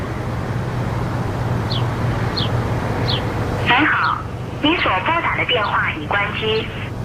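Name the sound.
phone call ringing tone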